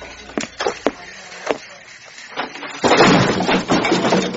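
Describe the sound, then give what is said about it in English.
A door falls off with a crash: a few sharp knocks and rattles, then a loud, sustained clattering smash of wood and metal that fills the last second and a half. “The door fell off.”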